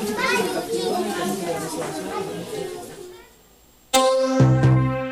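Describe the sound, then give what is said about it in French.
A crowd of children's voices chatters and calls out at once, dips briefly, then a single loud, high-pitched child's shout breaks through near the end. “Et alors, le bruit des perceuses sera remplacé par les cris des enfants.”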